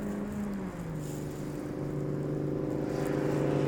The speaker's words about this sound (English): Oh, we got a motorcycle sound.